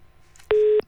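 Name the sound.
telephone busy tone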